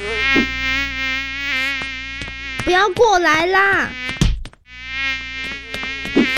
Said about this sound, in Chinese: 哎呀，头上怎么那么多苍蝇？